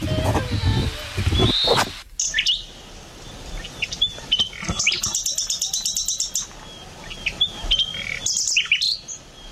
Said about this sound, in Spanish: Es un ruiseñor. Esto es un ruiseñor.